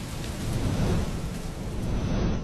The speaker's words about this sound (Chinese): 雨很大，我们到大树底下躲会儿吧。月圆，雷雨天不能在大树下避雨哦，很危险的。